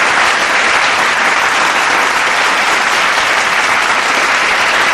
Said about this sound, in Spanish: Un aplauso, por favor, si son tan amables.